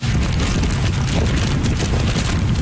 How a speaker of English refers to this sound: That's how the storm sounded in Keelung on the northern tip of the island. Heavy rain along with wicked winds of 144 kilometers an hour, gusting to nearly 200.